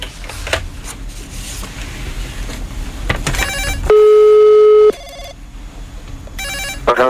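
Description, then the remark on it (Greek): A single loud, steady ringback tone sounds for about a second, as heard when placing a phone call, surrounded by muffled line noise and faint clattering. No one speaks. “Χτυπάει, έλα, χτυπάει, δώσε.”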